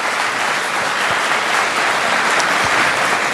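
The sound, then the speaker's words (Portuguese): An audience at a Canção Nova camp claps together for the presence of Jesus in sustained, dense applause, a steady wash of overlapping hand claps holding the same loud level for about three seconds, with no voices rising above it. “Então dê uma salva de palmas para a presença de Jesus.”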